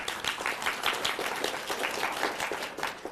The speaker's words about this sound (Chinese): 大家鼓掌欢迎。